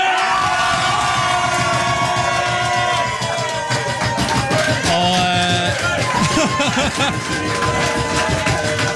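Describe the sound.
A crowd cheers loudly and continuously at Kvitnes gård, a dense wash of shouts and whoops with voices calling over one another, keeping up a steady, excited roar throughout, as the restaurant is awarded a star for its food.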